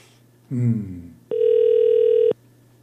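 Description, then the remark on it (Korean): A brief voice is followed by a single steady telephone ringback tone lasting about a second as a call goes unanswered. The tone is clear and stops abruptly into quiet line hum. “아유 전화를 안 받는다.”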